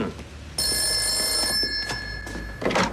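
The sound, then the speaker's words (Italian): A telephone bell rings once in a bright, sustained burst lasting about a second, loud, followed by a few soft knocks and shuffling sounds. “La signora Tarantini al telefono.”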